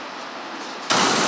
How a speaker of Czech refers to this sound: Tady skoro nikdo nechodí. Tady vidím jednoho pracovníka, projde volným krokem a projíždí tady jenom jakýsi vozík na kolejnicích nad úrovní podlahy. To automatická smaltovna, kde dochází k vytvoření žáruvzdorné vrstvy na spalovacích komorách